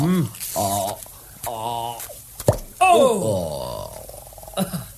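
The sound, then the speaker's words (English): A wine bottle is opened with a corkscrew in a single sharp pop, then wine glugs and gurgles as it's poured, clear, with grunting, voice-like sounds around it. “Got the corkscrew? Good. Let me open you one of these bottles.”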